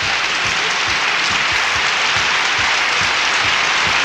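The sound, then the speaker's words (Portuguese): Steady applause from a crowd on the Canta Brasil program, given in advance for the Pizzaria Ana Luísa, Bar do Dove, marking 54 years in Batatais. It fills the whole stretch, loud and dense, with rhythmic low thumps of clapping or stomping running beneath the wash of hands. “Então, já vamos aplaudir antecipado, né, gente?”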